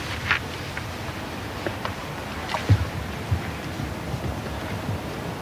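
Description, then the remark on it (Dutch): Steady rushing of flowing water heard through a hydrophone lowered into the water, a continuous dense wash with faint scattered ticks and soft clicks, no voices. “Ik hoor vooral stromend water op het moment. Ja, en zacht getik.”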